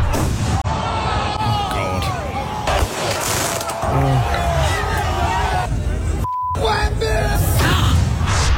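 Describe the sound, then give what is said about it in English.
A huge street crowd in New York City celebrates the Knicks' title: dense, continuous cheering, shouting and whooping at a steady, loud level, with many voices overlapping into a roaring hubbub throughout. “63 arrested, 4 stabbed, 1 shot during Knicks title celebrations in New York City. Have a listen to them.”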